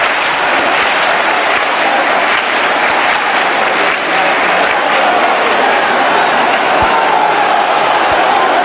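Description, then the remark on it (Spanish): A large crowd at the Virgen del Rocío pilgrimage claps hands continuously in the sanctuary church to receive the Sin Pecado, a dense, steady roar of applause filling an echoing space, with scattered shouts and murmuring voices mixed in throughout. “Escuchamos las palmas también para recibir el sin pecado.”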